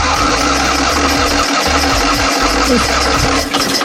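The engine of a small Maluch car cranks and catches, then settles into a steady, rough, low-pitched idle with a slightly uneven rhythmic putter, loud throughout with no talking.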